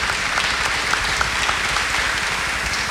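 A steady round of applause from many hands at a church community gathering, dense and continuous at an even loudness for the whole stretch, with no voices standing out above the clapping.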